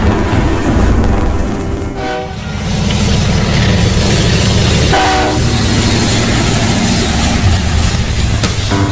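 A train rumbles loudly and steadily while its horn sounds in two short blasts, one early and one midway, over the constant roar of wheels on the track.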